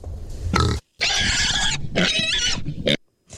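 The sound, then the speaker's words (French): A big pig on a leash squeals loudly in protest after a farmer gives it a friendly slap on the rump: several harsh, grating bursts broken by brief silences, intense, with grunty low rumbles beneath. “À ce moment-là, le fermier assène une tape amicale sur les fesses du porc et celui-ci se met à protester violemment.”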